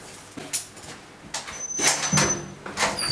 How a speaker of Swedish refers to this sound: Det är nog en påverkan det att man lockar igen en dörr som du inte kan öppna från insidan. Och det är ju lite i sakens natur när du låser en celle, och säkert ända mer påkänning för en ungdom än det är för en vuxen.